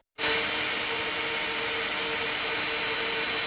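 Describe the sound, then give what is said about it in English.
A blender blending nuts with about a cup of hot water kicks on abruptly and runs at a steady, loud whirring roar with a constant hum, no pauses and no voices. “So I had about a cup there, and then I put my top on and turn it upside down and get everything down to the bottom so we can blend this up.”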